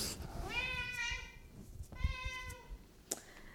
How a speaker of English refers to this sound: My cat is having zoomies.